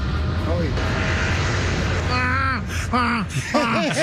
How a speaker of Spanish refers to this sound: Y escucha el avión.